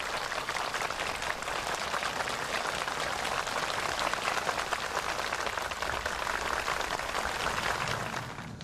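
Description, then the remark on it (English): Sustained applause from a large crowd of delegates and students, a dense steady clatter of many hands clapping at once that holds evenly throughout and eases off slightly at the very end, with no voices heard, as Xi Jinping and Kim Jong-un shake hands and pose for photos before a China-DPRK friendship tree-planting monument. “Amid warm applause from delegates and students, Xi and Kim shook hands and posed for photos before the monument.”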